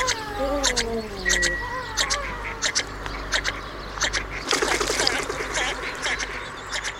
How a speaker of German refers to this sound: Das war er, der Vogel der Woche hier bei Radio T